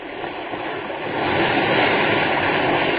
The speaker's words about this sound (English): See anything? Wait till after this next wave break.